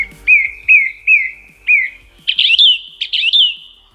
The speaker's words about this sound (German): Das sind Vogelstimmen. Okay, das sind Vogelstimmen. Das ist eine singende Singdrossel, kein Witz.